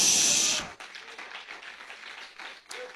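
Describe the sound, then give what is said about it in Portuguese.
An audience applauds Jesus: after a brief loud burst at the start, dense, steady clapping from many hands continues as a crisp, even patter without pause. “Pode aplaudir a Jesus.”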